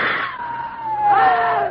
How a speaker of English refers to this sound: It's flying at us. Scream again. Make noise.